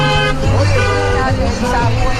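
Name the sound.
passing cars honking horns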